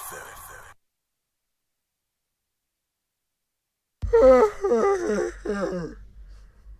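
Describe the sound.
A person lets out a long, drawn-out voiced yawn, the pitch wavering and sliding downward, after a brief vocal sound and a few seconds of silence.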